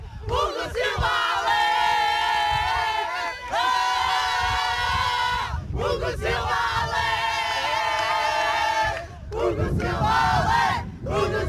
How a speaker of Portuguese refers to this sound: Grito de felicidade das jogadoras a puxarem pelo selecionador no fim de festa deste Portugal 3, Roménia 2, Portugal com o passaporte para os oitavos de final do Campeonato da Europa de Voleibol Feminino.